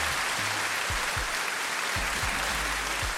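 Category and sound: crowd, applause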